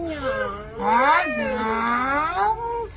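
A cat meows in a long, drawn-out call, starting with a short note and then rising into a wavering, whiny yowl that slides down at the end. No one speaks.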